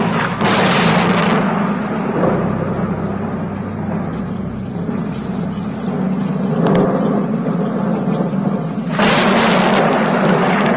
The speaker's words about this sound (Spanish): Bramaban las nubes, los truenos se sucedían unos a otros, se acercaba una terrible tormenta con intenciones de arrasar a la ciudad y a la parroquia.